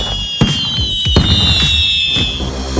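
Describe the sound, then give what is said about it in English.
A fireworks sound effect in an advertisement for Firework Freeze 5-Hour Energy Shots: two loud, sharp bangs crack out amid crackling pops, while a high, steady whistle hangs over them, with no talking. “Bring on the summer with Firework Freeze 5-Hour Energy Shots.”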